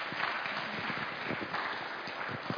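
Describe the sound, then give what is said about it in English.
A crowd claps steadily, a dense wash of many hands applauding together to welcome a missionary couple who work in Peru, without any voices rising above it. “Will you warmly welcome them with a round of applause?”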